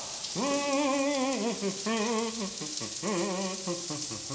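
A clean, new coin-operated campsite shower at Camping Fulda-Schleife sprays in a steady, loud hiss, while a voice hums or sings drawn-out tones over the water in three short phrases.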